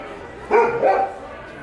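A dog gives two quick barks in succession, moderately loud, over a faint steady background hiss.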